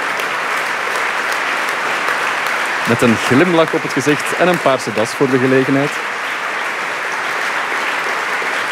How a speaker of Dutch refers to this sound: Dat openingsconcert van Laus Polyphonie. En ze komen nog eens terug op het podium om te groeten. Eén lang applaus krijgen ze hier. Een buiging.